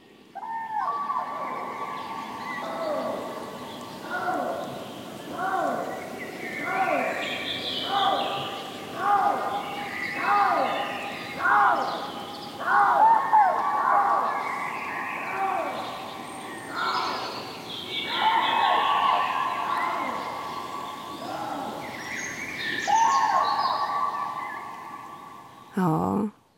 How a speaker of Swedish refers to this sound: Och här är en häftig kombination som man kan få höra i Siggeforaområdet utanför Uppsala. Trana och lodjur.